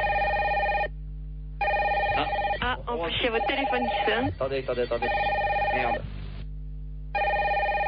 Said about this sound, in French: En plus, il y a votre téléphone qui sonne.